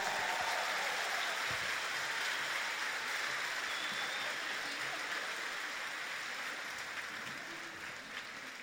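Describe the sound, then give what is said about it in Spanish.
A large crowd claps for the Lord in a dense, steady roar of applause that holds at a fairly loud level for several seconds, easing off slightly at the very end. No voices can be heard. “Entonces un aplauso más fuerte para Él.”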